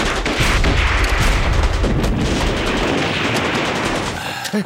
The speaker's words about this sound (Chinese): 老爷，啊，你听，这枪声稀了不少。